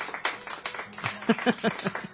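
A short burst of applause, scattered hand claps crackling together for about two seconds, with voices calling out over the clapping.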